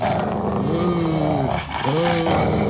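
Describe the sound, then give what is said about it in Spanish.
Dogs bark loudly: two drawn-out, strained calls, one after the other, over a dense, noisy background with no clear talking. “los perros pipones, Biorrodo. Oye. Están ladrando con toda.”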